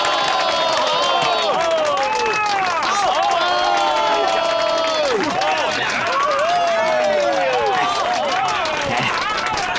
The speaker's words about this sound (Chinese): 听到刚才的掌声了吗？